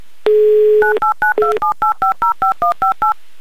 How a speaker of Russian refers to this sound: я набираю ваш номер телефона, ждите.